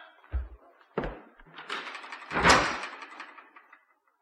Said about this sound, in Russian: Трудно было отцу называть так сына и кричать на жену, но он пересиливал себя и уходил, грохнув дверью